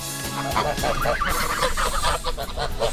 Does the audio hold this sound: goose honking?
yes